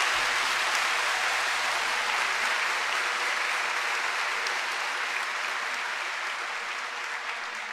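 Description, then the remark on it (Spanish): A crowd applauds steadily, a dense wash of clapping from many hands that holds strong for several seconds before easing slightly toward the end, with no talking over it. “Denle un aplauso al Señor por ese presupuesto.”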